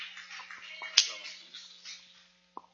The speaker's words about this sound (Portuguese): Receba o servo de Deus com palmas bem alegre para Jesus!